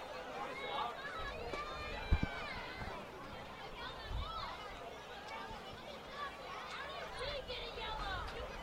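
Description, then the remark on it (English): A row of kids sitting on a stadium railing during a West Virginia vs Akron match, shouting and chattering over one another, a steady overlapping babble of raised young voices with no clear words, plus a couple of sharp thumps partway through. “And you hear the kids down there. There's a whole row of them sitting down on the railing.”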